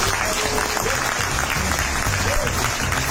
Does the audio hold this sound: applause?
yes